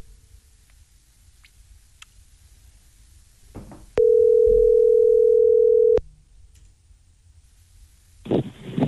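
A steady, loud telephone tone holds one pitch for about two seconds as a call is transferred to Claro, then cuts off sharply. Faint rustling and clicks come before it, and a brief burst of noise follows near the end.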